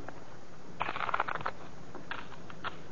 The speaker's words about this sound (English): Here's a new deck. Shuffle them